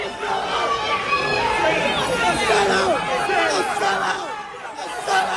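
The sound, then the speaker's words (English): A crowd of people yelling and shouting over one another at a Memphis City Council meeting on data centers, a loud, continuous jumble of raised voices with no single speaker standing out. “That's people screaming at the city council.”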